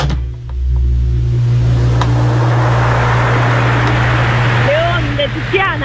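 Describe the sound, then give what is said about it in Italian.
Ocean waves wash in a steady, broad rush that swells after the first second, carried over a low constant rumble, with a few brief whistling chirps near the end. “non no, sono le onde”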